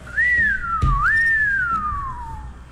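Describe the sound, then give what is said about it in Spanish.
A siren sound effect, a single shrill whistled tone that rises, dips briefly, swells again and then glides slowly downward over about two seconds, with a soft thump partway through and no talking. “Lo mejor fue el efecto sirena.”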